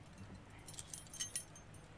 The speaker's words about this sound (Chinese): 这是这儿的钥匙。